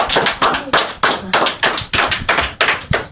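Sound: clapping hands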